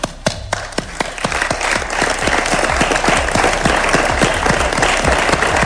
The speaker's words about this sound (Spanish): Y antes, el ayuntamiento ha querido rendir homenaje a quien fuera alcalde de la ciudad con un emotivo minuto de silencio en el salón de actos, un recuerdo cargado de respeto y emoción que ha concluido con un largo aplauso.